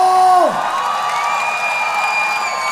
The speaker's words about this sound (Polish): Wielkie brawa, dziękuję wam bardzo!